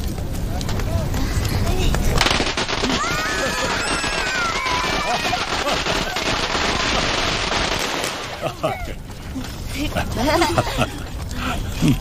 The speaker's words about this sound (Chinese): 我们在放鞭炮， 放鞭炮。 好，我来点好不好啊？ 好。 给啊！你们怕不怕点鞭炮啊？ 不怕， 不怕。 好，都是小英雄啊！来，我点了啊！